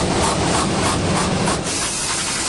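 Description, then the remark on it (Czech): A 70mm IMAX film projector in the projection booth of the IMAX cinema at Flóra in Prague runs a three-hour print of Christopher Nolan's The Odyssey, a loud, dense mechanical whir and hiss with a faint rhythmic clatter woven through it, continuous for the whole stretch with no voices. “Na první poslech by podle zvuku mohla promítací kabina IMAXu připomínat autodílnu.”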